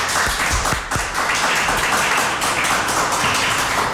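Sustained applause from an audience for three guests, a dense wash of many hands clapping at once with a few sharper individual claps standing out near the start, steady and fairly loud throughout.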